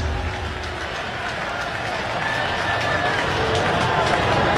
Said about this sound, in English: He's finally get that first out. Goldschmidt strikes out. One away. A little bit of a sarcastic cheer from the crowd.